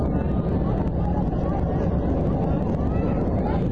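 A loud, continuous rumbling roar, like an airplane going down, holds steady and dense throughout with a rushing, wind-like texture and no pauses.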